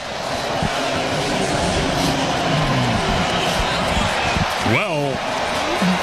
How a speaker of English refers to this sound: Now, they didn't need a reason to be loud or cheering earlier. Now they've been given one. Contreras, not only his 15th home run, but his 42nd run batted in.